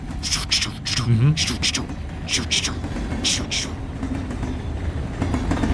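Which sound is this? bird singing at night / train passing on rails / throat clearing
train passing on rails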